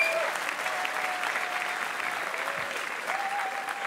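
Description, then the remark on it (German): Steady audience applause, a dense wash of many hands clapping at an even level throughout, with no voices standing out above it. “Jede Kollegin würde vorne stehen bleiben und diesen Applaus genießen.”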